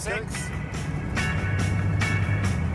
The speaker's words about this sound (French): Tu remarques comme le moteur baisse d'un ton? Oui. Il fait moins d'efforts. Moins de tours. Le couple est moins bruyant.